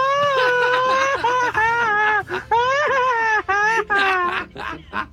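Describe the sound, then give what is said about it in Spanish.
A loud Mexican grito, a long high-pitched yell breaking into a rapid, stuttering machine-gun trill of short bursts, ending in quick chopped whoops, performed by a single voice alone. “Pero no, no haga usted el grito ametralladora. Eso es de profesionales.”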